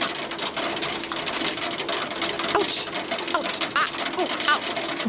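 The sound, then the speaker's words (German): Heavy hail from a fierce summer thunderstorm cell pelts down in a dense, unbroken clatter of sharp hard impacts, loud and steady throughout, with scattered brighter knocks standing out from the constant rattling roar. “Sondern auf einmal wird der Regen zu so einer ganz fiesen Gewitterzelle und einfach kein Regen mehr, sondern heftiger Hagel.”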